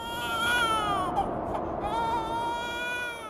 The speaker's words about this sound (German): Ein Babyschrei hallt durch die Berge der Anden.